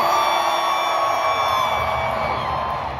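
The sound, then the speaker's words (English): A large concert crowd roars with sustained cheering, with whoops and yells rising out of the dense, steady wall of noise. “To have that excitement, to have that kind of crowd, I mean, it's going to do nothing but pour gasoline on any kind of creative force, I think.”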